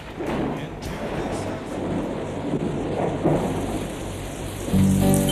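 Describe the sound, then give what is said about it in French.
Steady rain patters against window glass during a thunderstorm, with low rumbling thunder rolling underneath and a faint tonal hum rising near the end. “J'écoute en soupirant la pluie qui ruisselle, frappant doucement sur mes carreaux.”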